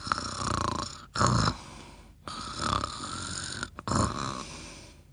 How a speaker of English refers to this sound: He began to snore very gently.